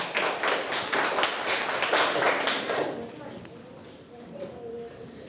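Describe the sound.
A classroom of people claps together for about three seconds, a dense, fairly close burst of applause that stops abruptly and leaves quiet room murmur and faint voices.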